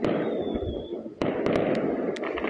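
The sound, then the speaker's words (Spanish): Fireworks bang repeatedly during the night in Quilicura over a dense, rumbling background, with a sharp crack about halfway through followed by several quicker pops, and a thin whistle early on. “Fuegos artificiales, ráfagas de disparos y barricadas fue lo que tuvieron que soportar los vecinos de Quilicura durante gran parte de la noche.”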